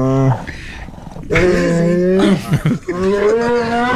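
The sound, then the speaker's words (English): A bear gives long, low warning growls with a moaning, tonal quality as its marshmallow treats are being taken away: a brief one followed by two drawn-out, loud rumbles separated by short pauses. “This is the bear when we tried to take his marshmallow treats away, and he gives us like two little warning growls, and then the third one, we quickly gave him his marshmallow treat because he was attacked.”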